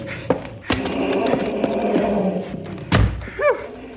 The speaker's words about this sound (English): Whew. There. Oh, I've locked the back door.